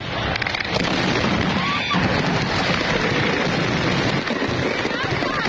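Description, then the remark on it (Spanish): A dense, continuous barrage of fireworks rockets exploding at a Sunday fireworks show in Fuenlabrada, loud and crackling with overlapping bursts and a rumbling roar throughout, with muffled voices faintly mixed in. “En Fuenlabrada, 4 personas resultaron heridas durante el espectáculo de fuegos artificiales este domingo.”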